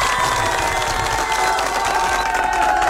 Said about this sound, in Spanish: Un fuerte aplauso para las ARMYs, que el día de ayer estuvieron cumpliendo años.